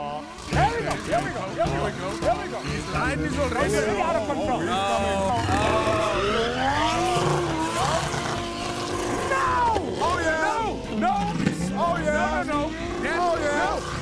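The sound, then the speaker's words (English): A car engine revs and whines continuously, its pitch rising and falling in sweeping glides with squealing skids, loud throughout, with voices murmuring underneath, as the car is driven to knock over as many bins as possible. “You've got to knock over as many bins as you can. So, hop in your car.”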